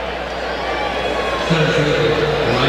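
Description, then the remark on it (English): A loud baseball stadium crowd roars steadily, then from about halfway through a deep, sustained chorus of boos swells over the noise and holds to the end, as fans boo a home run that just gave Arizona the lead. “And they're, of course, booing the fact that he hit a home run to begin with.”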